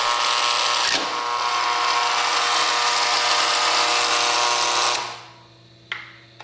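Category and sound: household object, door buzzer being pressed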